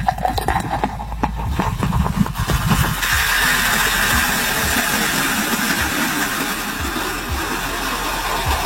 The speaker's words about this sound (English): It's an enormous beer mug in the shape of a hockey skate. Oh, that's fun. Complete with the blade area of the hockey skate being transparent so you can see the beer being poured in. Here is actual audio of the beer skate being filled with suds.